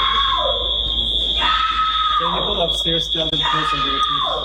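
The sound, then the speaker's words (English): Selma Blair screams loudly while getting off a plane, in long, shrill, wavering, intense bursts, with a steady high-pitched electronic tone droning underneath the whole time. “She's screaming like a maniac.”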